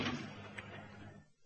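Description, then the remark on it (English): A heavy door bangs shut with a loud, booming impact, then a lighter knock follows as the rumble fades over about a second. “The door.”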